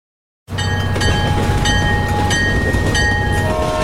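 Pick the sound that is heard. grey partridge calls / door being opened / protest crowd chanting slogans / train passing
train passing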